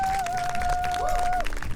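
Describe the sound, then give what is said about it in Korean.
An audience claps steadily throughout as a band that performed earlier is invited back onto the stage, a dense, sustained patter of applause, with a thin steady tone ringing over most of it before cutting off near the end. “큰 박수 주시면 감사하겠습니다.”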